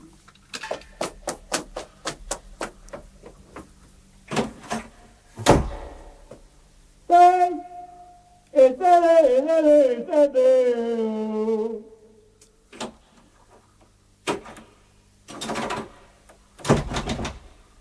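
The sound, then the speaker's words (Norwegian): A door is shut and locked, locking a person out: a run of sharp clicks and rattles, heavy thuds, a drawn-out squeaky creak, then more knocks and latch clunks. “Jeg har låst deg ut. Det er vranglåst på døren her nå.”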